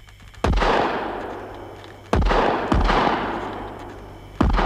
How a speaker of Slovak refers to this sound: Strieľajte obaja, blížime sa k lesu.